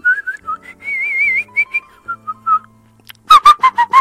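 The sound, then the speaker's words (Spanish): A person whistles a wavering, trilling little tune in short phrases, fairly clear, then several louder, buzzy honking blasts from a horn burst out rapidly at the end. “No puedo chiflar.”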